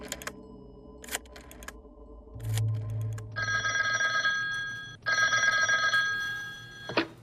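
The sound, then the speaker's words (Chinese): A telephone rings in two long, bright, buzzing bursts separated by a brief pause, preceded by a few sharp clicks and a low hum, as Zeng Zesheng telephones Hu Yan, commander of the 544th Regiment. No voices are heard. “曾泽生听了，立刻给五四四团团长胡燕打电话。”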